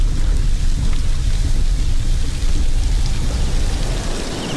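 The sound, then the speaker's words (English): Steady, heavy rain pours down continuously on the roads as daylight fades, with a dense wash of drops and a deep low rumble underneath, loud throughout with no voices. “But daylight is fading, and the rain is making the roads more dangerous by the minute.”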